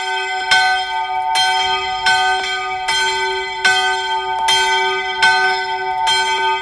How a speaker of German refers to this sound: Pünktlich um 7:45 erklingt noch einmal die Konventglocke.